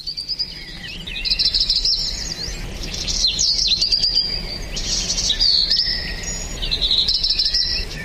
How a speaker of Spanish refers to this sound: Sí, escúchelo, es este el pajarito. Me lo cuenta a mí y se lo cuenta a ustedes. Escuche, escuche.